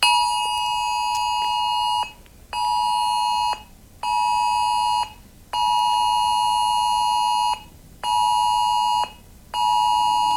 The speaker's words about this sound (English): You will hear an alert on your phone. This is your reminder. Your phone will vibrate and make this noise.